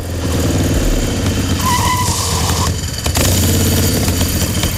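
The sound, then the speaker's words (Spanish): A motorcycle without a current ITV inspection, arriving at La Caleta in Cádiz, roars loudly, followed by a brief high-pitched tire squeal as it skids, then the engine keeps rumbling and revving. No one speaks. “Cuentan las malas lenguas que el Chano cogió su moto sin ITV y se plantó en la Caleta en menos de lo que canta un gallo.”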